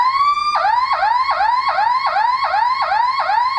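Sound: emergency vehicle siren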